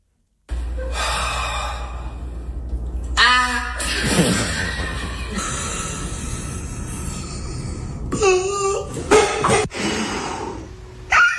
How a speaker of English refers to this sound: they let all the air out of their lungs and then they try and scream